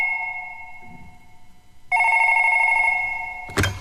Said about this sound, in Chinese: 正在这时，柯志雄的电话打了进来。